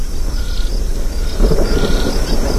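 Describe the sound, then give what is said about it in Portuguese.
A low, continuous rumble of thunder from an approaching rainstorm in the Pantanal rolls through, swelling louder about halfway before settling back into a steady growl, with a faint windy hiss above it and no voices. “Ô meu irmão, o tempo tá fechando, hein? Vamos fazer rastro que vem chuva aqui no Pantanal.”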